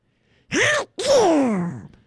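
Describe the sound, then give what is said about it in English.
A person imitates a duck sneezing: a short gasping intake, a brief pause, then a longer, loud, nasal burst that slides downward in pitch, with no other sounds. “Have you ever heard a duck sneeze?”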